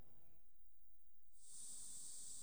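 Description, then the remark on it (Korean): A steady, bright hiss of insecticide spray as firefighters in hornet protective suits spray bushes to remove a hornet nest in the Yeongnam region in summer. It starts abruptly after about a second of quiet and continues loud and unbroken, over low rumbling background noise. “말벌 보호복을 입은 소방관들이 수풀에 살충제를 뿌립니다.”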